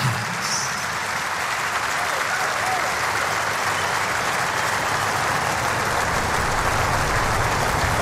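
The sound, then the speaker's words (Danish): A large concert audience applauds an orchestra steadily. Thousands of dense, overlapping claps form a loud, even wash of sound that holds for the whole stretch without fading. “Un weiteres Applaus für diese fantastische Orchester.”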